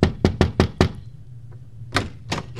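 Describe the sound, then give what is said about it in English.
A quick run of five sharp knocks on a door at night, a short pause, then two more firm knocks. Fairly loud, with no voices. “knocked on the door one night after a concert, dripping wet.”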